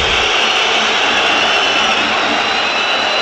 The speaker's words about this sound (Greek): Η αποδοκιμασία για τον Πέρτο.